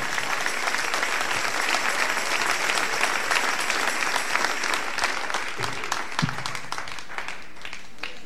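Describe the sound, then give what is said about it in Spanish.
A church audience applauds the Lord in a morning service, many hands clapping in a dense, continuous wash of sound that holds an even loudness throughout, with no voices standing out. “Dele ese aplauso al Señor en esta hermosa mañana.”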